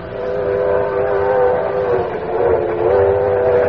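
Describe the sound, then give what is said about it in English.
A passenger train bound for New York running steadily, a loud continuous rumble with a droning, slightly tonal hum layered over it, holding even for the whole stretch with no voices. “There was only one place I could go, the club car.”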